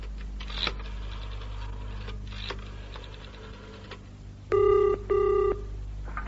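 A telephone being dialed to make a call: faint clicks and handling noises, then two loud electronic ringing tones in quick succession, with no talking.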